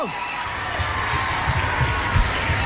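audience applause and cheering

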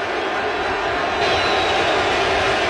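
stadium crowd ovation

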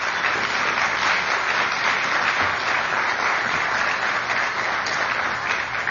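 audience round of applause

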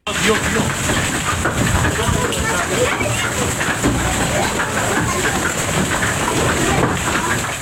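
hailstorm

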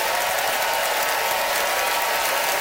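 audience applause vote

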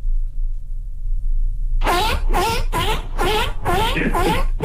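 seal vocalizing

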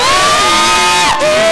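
audience applause and cheering

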